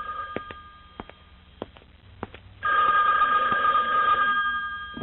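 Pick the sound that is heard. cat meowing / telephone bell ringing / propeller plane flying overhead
telephone bell ringing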